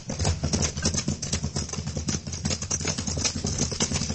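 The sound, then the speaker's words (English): Horse hooves gallop steadily, a fast, continuous drumming of beats with a low rumble underneath, filling the whole stretch with no voices. “Fell in the gale riding double on a horse.”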